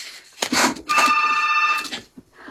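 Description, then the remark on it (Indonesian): A telephone rings on a call-in line in two bursts, the second a longer electronic trill with steady bright tones, fairly loud, with no one talking over it. “Di line telepon sudah ada yang berdering, kita langsung menyapa saja.”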